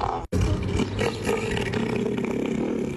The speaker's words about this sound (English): a southern elephant seal who is causing absolute chaos on the Apple Isle